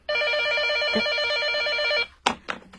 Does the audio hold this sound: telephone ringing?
yes